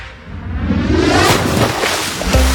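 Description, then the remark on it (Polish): Loud, steady rush of surf breaking on the shore of the Polish sea in hot weather, recorded live, a broad washing roar that swells slightly toward the end, with some wind buffeting the microphone and no voices. “Zobacz, słyszysz te fale? To wszystko z morza, to jest na żywo.”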